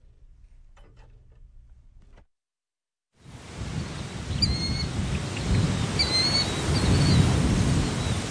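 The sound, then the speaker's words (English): After a low hum and a brief silence, a dense outdoor wash rises in a marsh on the north side of town near Lincoln, Nebraska, on a hot, muggy morning: scattered high bird chirps and whistles layered over a steady buzzing, hissing chorus of birds and insects. “It's a hot, muggy morning in a marshy area on the north side of town where a chorus of birds and bugs greets some human visitors.”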